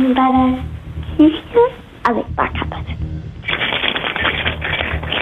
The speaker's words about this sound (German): Und das beweise uns einmal bitte, indem du dir einen Schlüssel schnappst und einfach mal so rumklimperst mit dem Schlüssel. Oh, so krass.